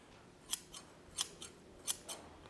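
Crisp metallic snips of a pair of hand-forged scissors at a scythe smithy, nearly finished and meant to be built into a fence, opening and closing in several quick cuts in uneven pairs, fairly loud against a quiet background with no talking.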